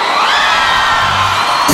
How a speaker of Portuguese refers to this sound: Quem gostou, solta o gritão.